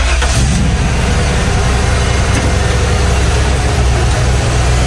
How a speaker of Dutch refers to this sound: En op deze laatste vrijdag van de week gaat die vrachtwagen ook voorbij komen. Je weet wel deze.